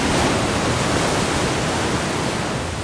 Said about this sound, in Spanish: En la zona inferior, la violencia de las olas golpeando eliminará cualquier cosa que no esté firmemente sujeta a las rocas.